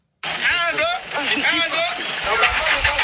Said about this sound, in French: Des coups d'accélérateur et de 4x4 pour tirer ce camion de 18 roues dans la boue, mais sans succès. Le véhicule est pris au piège.